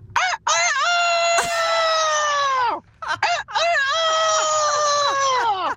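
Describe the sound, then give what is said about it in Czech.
A person does a loud rooster imitation, two long strained cock-a-doodle-doo crows with rising and falling pitch, separated by a short gasp for breath, with no other talking. “Tady máme kouta, slepicu tu umím taky.”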